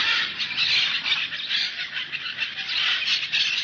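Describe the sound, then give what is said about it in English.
A dense, continuous chorus of harsh bird squawks and shrill calls at the bird section of the London Zoo on a hot day, loud, with many birds crying at once and no talking. “and they make quite a lot of noise. It must be because we're walking by.”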